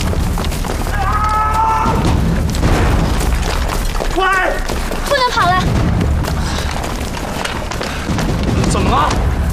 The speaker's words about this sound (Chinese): 你没听见对方的枪声远了吗？天黑路不熟，他们不敢太靠近，先把他放下来。